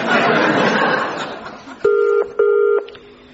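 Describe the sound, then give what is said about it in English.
A telephone is dialed amid a second or so of noisy clatter, then the line rings twice in quick succession, two short steady electronic tones, with no talking. “One quick phone call will clear this up, but I warn you, officer, I'm going to have serious words with your chief superintendent after this.”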